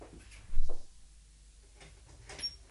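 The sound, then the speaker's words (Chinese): A door is opened for neighbours with a firm clunk of the latch and a brief rattle, followed by a few soft clicks and knocks in an otherwise quiet setting. “唔该你开门啦。”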